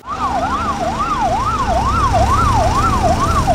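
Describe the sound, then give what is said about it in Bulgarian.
Ambulance sirens wail loudly in quick, regular rising-and-falling sweeps, about two per second, over a low rumble of road traffic, as ambulances arrive one by one at an accident scene. No one speaks. “Свалиха ме долу на тревата, легнах и само чувам как линейките една по една идват.”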